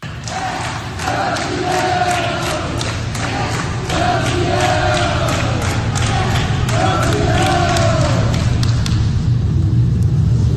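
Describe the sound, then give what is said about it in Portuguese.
A group of hospital staff claps steadily for several seconds as coach Parreira leaves Hospital Samaritano Barra in Rio de Janeiro after 80 days in hospital. The claps are sharp and overlapping, mixed with cheering voices and crowd murmur, loud throughout. “Na saída, Parreira foi aplaudido pelos funcionários do hospital.”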